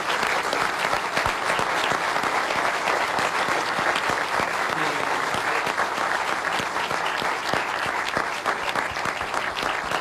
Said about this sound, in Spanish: Así que, bueno, pido un aplauso para Gaspi.